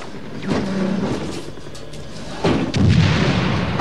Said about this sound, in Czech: Co to je, dva Browningy?